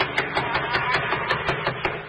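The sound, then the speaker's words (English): Loud, rapid knocking on the door of a windowless place: roughly ten sharp wooden raps in a quick, slightly uneven rhythm, pounding steadily for about two seconds over a constant background hiss, with no voices. “I'll do the knocking.”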